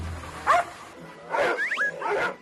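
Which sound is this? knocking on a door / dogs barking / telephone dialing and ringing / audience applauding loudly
dogs barking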